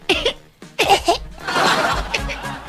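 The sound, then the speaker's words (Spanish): Several harsh, throaty coughs: two short bursts, then a longer, rougher fit of hacking. No speech. “Y si está con de repente con esta tos”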